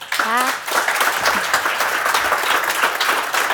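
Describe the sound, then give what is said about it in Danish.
An audience in Bogense applauds at the Dansk Sprognævns Festival during the show Parnasset, after thanks to authors Emma Holten, Josefine Ottesen and Leif Davidsen; dense overlapping clapping at a fairly loud, even level throughout, with a brief vocal tone at the start. “Ja, behører et bifald fra publikum i Bogense.”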